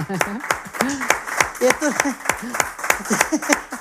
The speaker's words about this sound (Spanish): Bueno, pues un aplauso, desde luego.